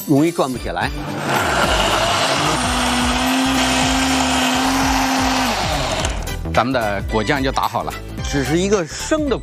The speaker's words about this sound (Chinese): 像这花生芝麻是不是都是熟的？ 都是炸过的，破壁机把它打碎。 来，全部倒入破壁机当中。 你说停就停哦。 停。